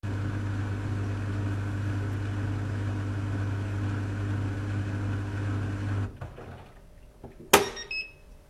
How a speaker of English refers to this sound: Yeah. European small dryer with some confusion. Yeah. Okay. Let's listen to that because now I'm really curious what this dryer sounds like.